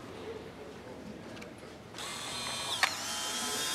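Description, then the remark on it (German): A camera takes a photo of a man's face: a mechanical whirring starts abruptly, then a single sharp shutter click, moderately loud, with no talking. “Darf ich ein Foto von Ihnen machen?”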